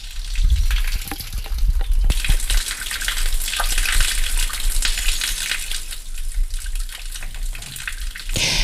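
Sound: flowing stream water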